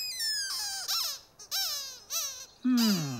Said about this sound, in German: Das klingt diesmal wirklich anders. Das weiß ich. Ich weiß, Quietsche-Entchen, du bist ziemlich aufgeregt. Was? Aufgeregt? Ja. Aber ich finde, das klingt doch nicht aufgeregt. Nicht? Dann muss ich das wohl noch mal hören, Quietsche-Entchen.